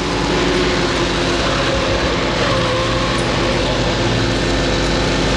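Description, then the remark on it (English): A steady, loud roar of a car engine and road noise as the car travels at 60 on the way to Leven Bay, continuous and unbroken throughout, with no voices. “can't you get this car to go any faster? Mother, we're doing 60 now, for goodness sake.”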